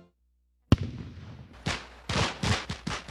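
Fireworks go off after a moment of silence: a sharp opening bang, then a quick series of four or five loud, booming, powerful bursts with crackling tails, no voices.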